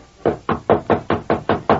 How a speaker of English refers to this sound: Dismounted, walked up the steps to the porch, and rapped on the front door.